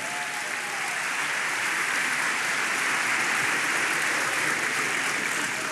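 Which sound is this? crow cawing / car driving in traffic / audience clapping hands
audience clapping hands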